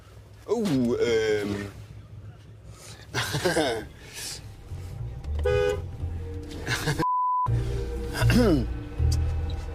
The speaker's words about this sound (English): Our final stop, Monterrey, Mexico, in the north of the country, close to the border with the United States. We're at a railroad crossing. There's a train coming.